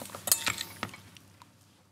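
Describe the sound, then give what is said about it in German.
Cutlery and plates clink together while food is being served, in a quick cluster of bright metallic and ceramic taps, then a few softer clinks trail off into quiet. “Besteck ist da”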